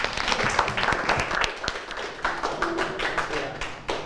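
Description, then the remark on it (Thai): Students in a class clap together for a classmate for a few seconds, a dense patter of many hands at a steady, moderately loud level. A few sharper individual claps stand out from the crowd. “ปรบมือกับเพื่อนด้วยนะครับ”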